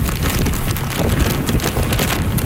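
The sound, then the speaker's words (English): Heavy super typhoon rain pounds down on the northern tip of Taiwan amid strong, gusting wind of 144 km/h with gusts to nearly 200, a dense, continuous roar buffeting the microphone with low rumbling bursts and no voices. “That's how the storm sounded on the northern tip of the island. Heavy rain along with wicked winds of 144 kilometers an hour, gusting to nearly 200.”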